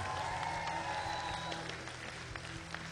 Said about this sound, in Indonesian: Jadi sekali lagi berikan tepukan gemuruh untuk barisan juri kita.